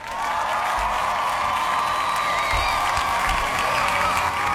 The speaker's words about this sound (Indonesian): Wow, 75% orang nih yang milih. Kita kasih tepuk tangannya.